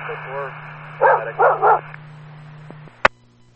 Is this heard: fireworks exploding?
no